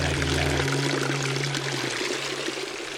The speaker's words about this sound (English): The view becomes blurred. Where does it flow? Perhaps it is marble. Or is it water? Perhaps you don't see how the water runs along the edges and is hidden in the drains thereafter.